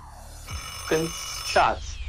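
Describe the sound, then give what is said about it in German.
An alarm clock marking the end of the time allowed for a quiz answer rings in two short, bright bursts about half a second apart, each a buzzy, harmonic-rich jangle over a low steady hum. “Ah, mein Lieber, da war leider der Wecker schon im Hintergrund.”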